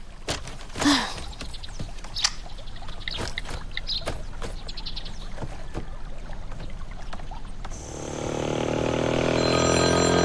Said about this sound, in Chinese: 你手机响了。 没事，别管他。 还是停下接吧，一旦有啥要紧事儿呢，